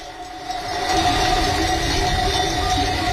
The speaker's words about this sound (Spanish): Es una mezcla de cencerros y también, si afinamos bien el oído, habrá por ahí algún perro. Pastor, es el sonido que deja la trashumancia, el traslado que se hace del ganado desde las montañas donde los rebaños han pasado el verano hasta los valles